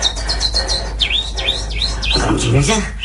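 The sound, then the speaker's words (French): A voice imitates little birds, producing a quick series of high, swooping chirps and tweets, steady for a few seconds, with a faint murmur of other sounds beneath. “Faites-moi les petits oiseaux.”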